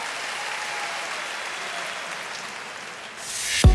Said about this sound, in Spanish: favor, fuerte el aplauso.